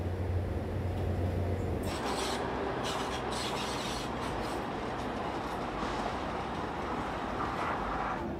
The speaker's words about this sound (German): Die Diesellok wurde von Mitsubishi extra für diese Strecke gebaut. Sie leistet 750 PS.